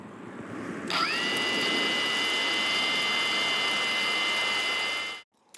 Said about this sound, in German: Der Soldat schaltet die Drohne ein und los geht's. Es ist eine gute Arbeitsdrohne.